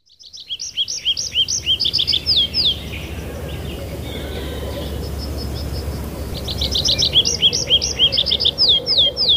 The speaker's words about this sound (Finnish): Sunnuntaiaamossa on koittanut se hetki, kun on aika kuunnella viikon luontoääni. Metsä Kirvisen esittelee ….